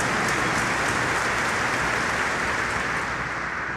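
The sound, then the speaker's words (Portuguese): Sustained applause from a large crowd for the Archdiocese of Aparecida, whose priests came on pilgrimage to celebrate the sixth night; a dense, steady wash of clapping that stays loud and even throughout, with no speech over it. “Então a nossa querida arquidiocese de Aparecida merece uma grande salva de palmas.”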